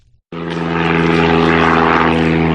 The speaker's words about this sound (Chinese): 今年三月底，我国首款七吨级大型运输无人机长鹰8在河南首飞成功，成为全球迄今首飞的最大货运无人机。